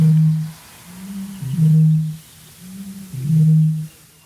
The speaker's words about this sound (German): Aber hier kommt der Gegner, die Rohrdommel, circa 8-mal größer als der Zaunkönig. Und Achtung, sie beginnt.